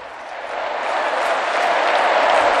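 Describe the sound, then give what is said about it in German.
Thunderous applause for Pope Leo from a huge crowd of young people in the Stade de France, France: a dense, steady roar of clapping that swells slightly and stays loud throughout, with no pauses or individual voices standing out. “Tosender Applaus für Papst Leo”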